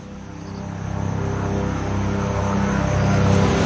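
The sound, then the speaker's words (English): A steady, loud engine drone with a low throbbing hum, swelling slightly as a helicopter approaches and arrives to drop off a group of emergency workers by the Butikosi River near the village of Siabrubisi, Nepal, after a flood; no voices. “A helicopter is arriving.”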